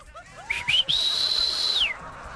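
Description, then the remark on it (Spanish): A person whistles loudly: a few quick rising chirps, then one long, steady, piercing high note held for about a second before sliding down, like a whistle to call someone. No talking. “Ay, me desespera no saber chiflar.”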